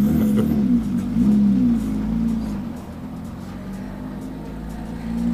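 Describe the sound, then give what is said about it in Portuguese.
A car engine hums steadily at a low pitch, holding a fairly constant level with a slight swell near the end, as the car approaches a control zone, heard alone without talking. “Voltar a deixar que os carros se aproximem mais da zona de controle, senão fica um espaço muito grande entre carros e depois vai-se criando mais trânsito, digamos.”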